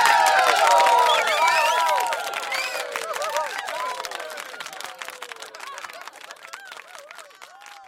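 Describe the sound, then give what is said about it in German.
The whole town cheers and shouts over steady clapping, loudest in the first two seconds, then easing to a softer, continuing mix of applause and scattered voices. “Die ganze Stadt hat gejubelt.”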